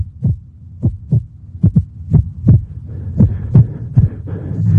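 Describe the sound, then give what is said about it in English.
A heartbeat thumps with an uneven rhythm, its beats bunching together and then spacing out over a low, steady hum. The beats are deep and fairly loud, with no voices present. “An irregular heartbeat.”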